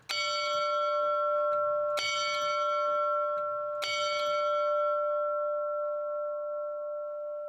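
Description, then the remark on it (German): A church bell hung high in a wooden bell frame in the church tower rings three times at steady two-second intervals, each strike bright and metallic with a long humming resonance that carries on, loud, with no voices. “weil eben ein Hebel dann da ist und die Glocke so weit oben leitet.”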